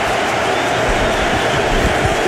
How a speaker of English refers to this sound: Big third down. Listen to the crowd.